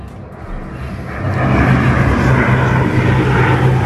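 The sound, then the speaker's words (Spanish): A firefighting aircraft roars overhead above a village in the sierra known as Las Minas, its low droning engine swelling suddenly louder after a moment and holding as a heavy rumble with no one speaking. “Poco después empezaron a pasar los aviones.”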